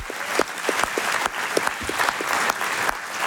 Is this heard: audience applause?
yes